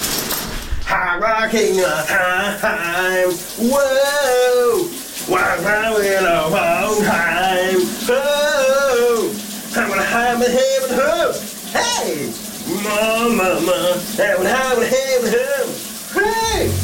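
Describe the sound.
A shower runs with a steady hiss of spraying water while a man sings a wavering melody of a summer hit song over it, the voice carrying clearly above the constant rush throughout.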